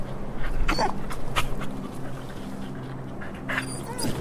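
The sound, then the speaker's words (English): A stray dog begging for a sandwich whimpers and lets out a handful of short, high yips at irregular intervals, with thin whining tones between them over a low steady background hum. “Did you not hear me, dog? The sandwich wasn't free.”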